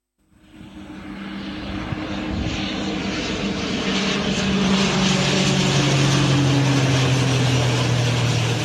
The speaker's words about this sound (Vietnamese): Đúng 11:30 ngày 21 tháng 8 năm 2026, sau 3 giờ bay từ sân bay quốc tế Tân Sơn Nhất, máy bay CASA C-295 hạ cánh xuống sân bay Gia Lâm, hoàn thành nhiệm vụ vận chuyển 7.104 mẫu sinh phẩm hài cốt liệt sĩ ra Hà Nội.